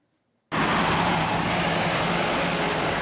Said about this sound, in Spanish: El ruido de autos llega hasta las aldeas del Yaraguá. En la zona noroeste de São Paulo, el territorio indígena está junto a algunas de las principales autopistas de la ciudad.